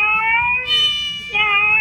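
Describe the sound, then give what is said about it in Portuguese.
A child's voice imitates a cat meowing, the second in a series of farm animal imitations, with drawn-out, high-pitched, wavering cries that run into one another, fairly loud, with a short break before the last meow. “Segundo foi o gato.”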